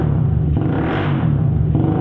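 A motorcycle with a loud modified exhaust pipe revs, a continuous throaty, rumbling roar that swells slightly in the middle and fills the whole two seconds with no voices.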